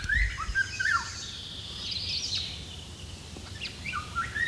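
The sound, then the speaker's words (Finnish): A Eurasian golden oriole's flute-like song with blackbird-like traits: several short, clear whistled phrases rising and falling, repeated over a steady low background hum, with no talking. “Myös huilumaisessa laulussa on mustarastasmaisia piirteitä.”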